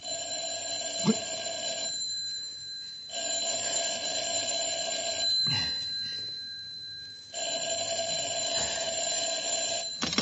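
telephone ringing

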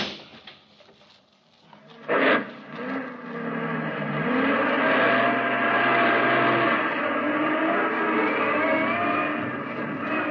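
truck engine driving

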